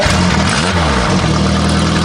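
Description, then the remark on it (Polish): An Italian motorcycle engine is started and rumbles loudly, revving up briefly and settling back into a steady, throbbing idle. No one speaks. “A to jest włoska? No jak to, odpalam.”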